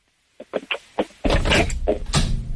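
A few light clicks and knocks, then a door being closed with a sudden loud, rumbling scrape that carries on for over a second.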